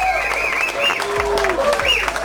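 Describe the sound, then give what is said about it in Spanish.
A crowd applauds steadily, dense clapping running the whole time with voices calling and shouting over it, a few rising and falling cries standing out above the noise. “Aplausos.”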